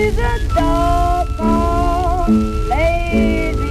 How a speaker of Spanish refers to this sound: Más que una armónica, parece que estamos escuchando como una especie de pito, un flautín, sí, ahí de fondo